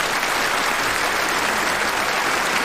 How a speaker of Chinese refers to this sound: 好，大家鼓掌，欢迎演出正式开始。